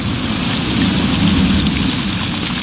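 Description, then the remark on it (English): Steady, heavy rain pours down in a movie scene, a dense, continuous hiss with a deep low rumble beneath it, loud, with no voices. “The rain in that scene is pretty fitting with the weather that we've been having.”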